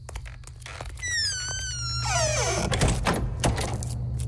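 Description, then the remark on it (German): A door's hinges squeal in a long, rising-then-falling creak, followed by a couple of solid wooden thunks and clacks as it shuts and a bolt slides home, over a low hum. “Am besten, du bleibst gerade hier und wir machen die Tür auch wieder zu und verriegeln sie.”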